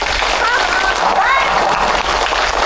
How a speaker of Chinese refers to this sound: 让我们用最热烈的掌声欢迎他来到我们这个大家庭